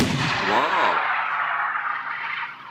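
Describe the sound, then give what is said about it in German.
A hail cannon, a shock-wave cannon used as a protection method against hail, fires with a loud, broad blast, a brief warbling tone rippling through the start, then a rushing roar that slowly fades over the next two seconds. “2018 hat der Verband die Anerkennung der Schallwellenkanone als offizielle Schutzmethode gegen Hagel beim Landwirtschaftsministerium durchgesetzt.”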